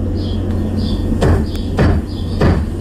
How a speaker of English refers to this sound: So this is, as she gets ready for work, and before she leaves work every day, she stands on a chair, has a broom with the handle, and she kind of gives the ceiling a little knock. And then she waits.